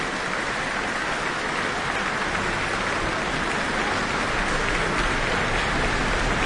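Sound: concert audience applause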